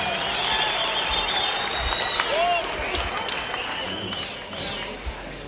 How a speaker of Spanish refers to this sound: Aplauso bonito para mi compadre